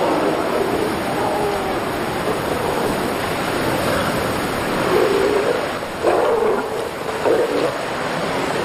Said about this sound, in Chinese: 他们用嘶咬和吼叫来展示自己的力量，渴望在即将到来的爱情争夺战中占据优势。